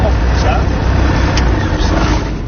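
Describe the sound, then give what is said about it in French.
Aircraft engines roar as the throttle is opened for takeoff on initial climb axis 18, a loud, heavy rumble that stays dense and steady for the whole moment. “On est en train de mettre les gaz sur l'axe de montée initiale 18.”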